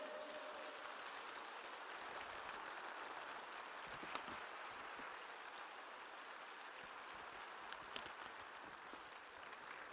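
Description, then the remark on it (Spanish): A crowd applauds in honour of the Virgin Mary, clapping steadily for about ten seconds, a dense, even wash of many hands with no one speaking over it. “¿No se merece un aplauso nuestra madre?”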